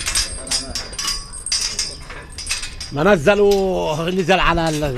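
Sheep bleat loudly in a pen beside a tiny home near the King David Garden archaeological dig, several overlapping wavering calls, after a few seconds of metallic clinking and jangling like a gate latch or bells as the pen is closed up.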